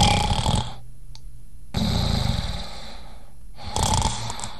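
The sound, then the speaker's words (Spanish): Loud snoring in three long rasping breaths with brief quiet pauses between them, a deep rattling rumble on each inhale. No talking. “¿Ronquido? Sí.”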